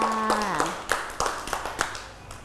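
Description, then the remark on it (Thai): A small group of children claps hands at a teacher's request for a classmate's purple clay rose in an art activity, a loose, uneven patter of sharp slaps, with a brief high voice trailing off at the start. “สวย สวยเก่งมากค่ะเด็กๆปรบมือให้”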